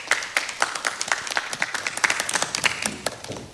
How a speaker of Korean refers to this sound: 임소연 교수님 박수로 맞아주시기 바랍니다.